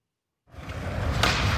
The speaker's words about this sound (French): C'était un skateboard.